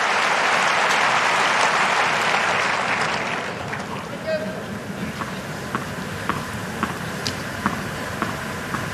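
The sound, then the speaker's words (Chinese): A tennis crowd cheering on Sinner bursts into loud, dense applause and cheering for about three seconds, then fades to a low murmur broken by a few scattered claps and sharp ticks. “场观众也都在给辛纳加油。”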